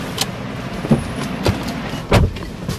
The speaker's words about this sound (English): is leading me to an underground car park, to his white Hyundai sedan.